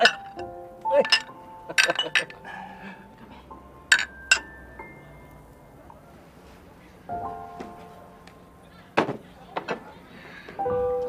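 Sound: glasses clinking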